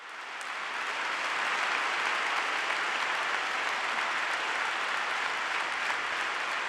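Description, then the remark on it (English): A large crowd applauds steadily, greeting a speaker's words 'always love the church', a dense wash of clapping that swells in the first second and then holds at a loud, even level throughout, with no voices over it. “Always love the church, which is being welcomed by a lot of applause.”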